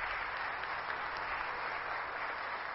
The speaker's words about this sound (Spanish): El grupo de danza de Nuestra Señora de Guadalupe, también a todas ellas que aquí están ustedes, un fuerte aplauso también.